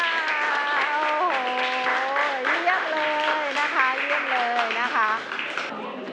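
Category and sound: crowd, students clapping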